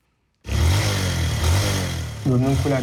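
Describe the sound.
A motorcycle taxi engine in northern Nigeria kicks in abruptly after a moment of silence and runs loud with a steady low rumble, while a voice briefly rises over it near the end.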